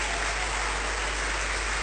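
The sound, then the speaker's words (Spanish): An audience applauds for the King in a steady, dense wash of clapping that stays loud and even throughout, with no voices standing out above it. “¿Cuántos aplaudimos al Rey?”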